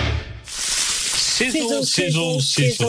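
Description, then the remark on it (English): Sausages sizzle loudly on a barbecue, a steady hiss with faint crackles that starts abruptly and keeps going while a voice speaks over it. “Sizzle, sizzle, sizzle. Pop, crackle, sizzle. Our Fraser lines are much more than sausage sizzles.”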